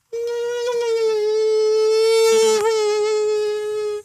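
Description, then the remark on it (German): A radio host on Radio Frankfurt imitates, live, the whine of an Asian tiger mosquito: one steady, buzzing, high-pitched drone held for about four seconds with slight wavers, loud and alone without speech. “Das ist jetzt kein O-Ton, das bin ich”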